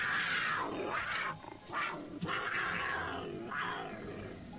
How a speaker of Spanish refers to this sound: Arriba, desde otro árbol frondoso y desde lejos, un gran puma majestuoso con un gran rugido se hizo notar.